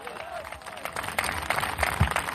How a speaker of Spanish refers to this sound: Dele fuerte aplauso al Cristo de la gloria.